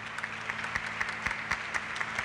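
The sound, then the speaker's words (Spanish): A jazz and blues festival audience claps in tribute to the late drummer Victor Cheu, a dense wash of many hands with a few sharper individual claps standing out, moderately loud and continuous with no voices over it. “A él le gustaba mucho interpretar este tema, a un gran maestro, amigo, baterista, Victor Cheu, que le podemos dar un fuerte aplauso.”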